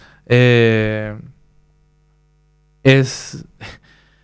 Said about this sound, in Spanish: Es el ventilador de techo, gracias Ronald. Ese mismo había en la casa de mis abuelos maternos y también en mi colegio.